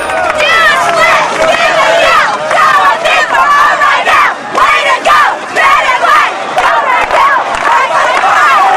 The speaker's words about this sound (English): A crowd of students cheers them on.